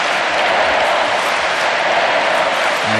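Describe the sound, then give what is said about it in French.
A huge crowd of young people at the Stade de France roars and chants the name of the Pope together, a loud, dense wall of voices and cheering that holds steady for the whole stretch without a break. “La foule du Stade de France qui scande le nom du Saint-Père.”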